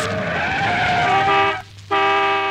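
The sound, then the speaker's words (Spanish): A car's brakes screech loudly in a sustained, high-pitched squeal with a low engine rumble beneath as the car comes to a stop, cutting out briefly near the end before the shrill squeal resumes. “Hasta que se oía el chirriar de los frenos.”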